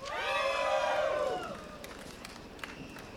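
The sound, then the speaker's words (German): At the Festival am Gleis, a crowd hyped up by the festival's moderation team cheers and shouts loudly, a dense wash of many voices with some high whoops, then the roar eases into a softer murmur with a few scattered claps. “Das Modi-Team vom Festival am Gleis hat gerade die Crowd animiert, zum Führen zu kommen.”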